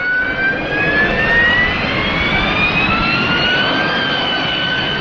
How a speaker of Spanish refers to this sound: El mecanismo solo se conoce en aplicaciones de flujo supersónico, como el despegue y el aterrizaje verticales con motores a reacción, como la turbina de un Harrier.